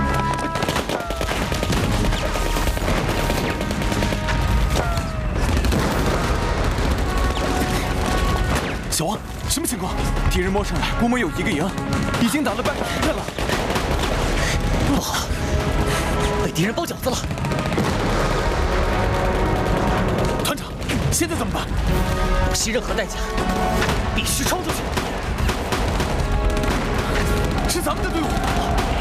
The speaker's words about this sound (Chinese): 哪里来的枪声？ 参谋长，是西坑方向，兄弟部队可能正在突围